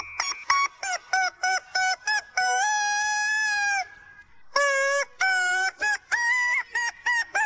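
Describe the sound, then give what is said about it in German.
A squeaky rubber chicken toy honks out a tune in short, pitched squeals, with a couple of longer drawn-out squeaks, loud with no talking, played as a morning music puzzle on Antenne Düsseldorf radio. “Wir haben euch heute Morgen wieder rätseln lassen und das Huhn ins Ohr quietschen lassen.”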